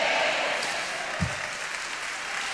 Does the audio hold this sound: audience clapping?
yes